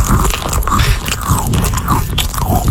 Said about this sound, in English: Not right now, but later on when you hear my producer munching Cheez-Its.